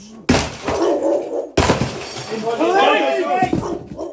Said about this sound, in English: starts pounding it with a battering ram.